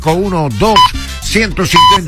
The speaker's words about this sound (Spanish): Ese top me indica que viene tiempo de informar.